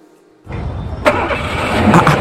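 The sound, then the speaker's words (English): A car engine cranks and catches after a brief quiet moment, then settles into a steady rumble that grows slightly louder as it idles. “did you buy a new car?”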